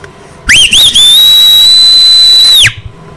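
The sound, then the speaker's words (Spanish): A loud, piercing human whistle, meant to wake people up, rises sharply with a couple of quick chirps, then holds one steady high note for about two seconds before cutting off, alone with no talking. “écheles un fuerte chiflido para que despierten y pongan bien los garos.”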